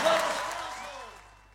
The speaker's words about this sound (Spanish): Fuerte ese aplauso.